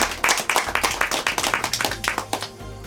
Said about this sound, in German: vor allen Dingen sind zu Gast Hörerinnen und Hörer von Bayern 2, die heute zum Tag der offenen Tür gekommen sind. Schön, dass Sie da sind. Sie dürfen sich selbst applaudieren.